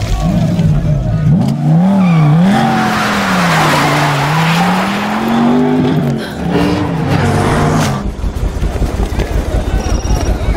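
Loud car engine revving hard as it speeds, with tires squealing and skidding, then breaking into a rough, rattling rumble near the end.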